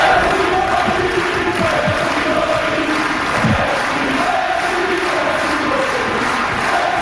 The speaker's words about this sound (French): Et à la fin du match, il y a eu un super beau moment sur le cours. Suzanne Lenglen, il voulait reprendre ses forces pour faire l'entrevue et la foule l'a remercié pour son spectacle. Écoutons un extrait de la foule qui scande son nom.